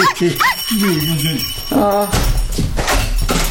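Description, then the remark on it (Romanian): A small female dog named Zuzica whimpers in a series of high, wavering whines that rise and fall, then lets out a short, sharp bark before a stretch of noisy rustling. “Zuzica, ei Zuzica, ia vino la tăticu, Gozi, vino să te atârnă o hârtiuță de codiță.”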